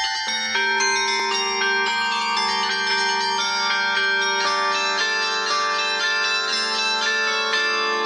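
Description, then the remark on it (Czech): A 12-ton mobile carillon mounted on a yellow truck plays a melody, its tuned bells struck one after another in a steady rhythm with long ringing overtones layering into a shimmering wash, fairly loud, no voices. “Mobilní zvonohra vznikla i proto, aby se hudba dostala přímo za lidmi.”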